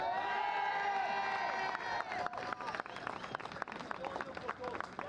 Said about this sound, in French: On salue particulièrement la présence des étudiants de l'École nationale de la photographie. On peut les applaudir.